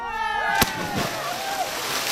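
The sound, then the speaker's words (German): A sharp splash of someone doing a cannonball jump into turquoise, salty sea water, followed by churning and sloshing, with people's voices and harmonic tones carrying on in the background. “Sie hören gleich noch final mit einem Tschüss den Aufprall von Michael Friemel und seiner Arschbombe”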